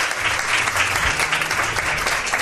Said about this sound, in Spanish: Pido un aplauso